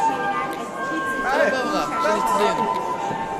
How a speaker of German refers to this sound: Und Instrumente zum Ausprobieren. Das wird reichlich in Anspruch genommen. Ein Flötenklang-Stimmgewirr.